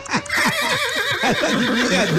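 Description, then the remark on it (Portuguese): A voice makes a rapid run of wet kissing clucks, like someone calling a horse, repeated in quick bursts with squeaky, whinny-like tones throughout. “Você chamando cavalo, irmão.”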